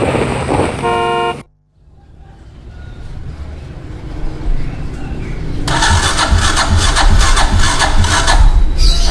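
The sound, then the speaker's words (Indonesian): A brief horn-like tone, a moment of silence, then a motorcycle engine cranking and sputtering, failing to start, its rough rumble growing louder and noisier without settling into a steady idle. “Aduh, sabung motor mati lagi. Saya mau ke kampus, sudah telat.”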